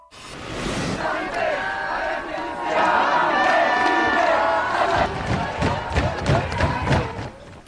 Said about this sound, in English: Protesters are out on the streets of France again today, chanting, banging drums, and holding signs with messages such as high schools repressed, universities enraged.